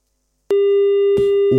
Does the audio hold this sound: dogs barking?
no